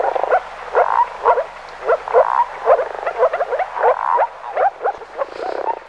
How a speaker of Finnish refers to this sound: Kuvaisiko pulputus paremmin tuota viitasammakon ääntä, entä kurnutus? Viitasammakko siis viikon luontoääni